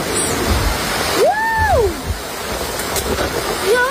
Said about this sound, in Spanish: con una alerta roja que dejó bastantes incidencias porque también vino acompañada de lluvia y de tormentas eléctricas. Escuchen.